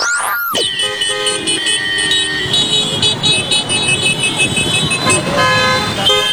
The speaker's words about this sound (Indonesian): Kebayang gak sih kalau tidak ada lampu lalu lintas bakal terjadi seperti ini, gaduh dan macet.